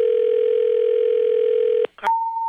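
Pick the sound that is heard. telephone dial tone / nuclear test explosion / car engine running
telephone dial tone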